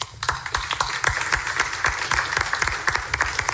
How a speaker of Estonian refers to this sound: Ja suur aitäh, suur aplaus